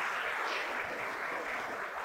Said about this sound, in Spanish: Yo no sé si usted quiere darle ese fuerte aplauso a nuestro Rey Celestial. Amén.